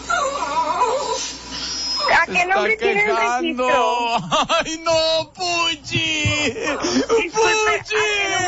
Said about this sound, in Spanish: Mira, se sigue quejando el perrito Puchi. Mira, hoy cómo se queja.